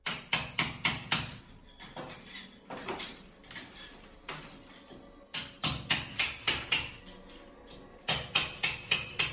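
Heavy crowbar blows pound against a wall, knocking it down, in quick bursts of four or five strikes, with crumbling, scraping debris between the volleys. No one speaks.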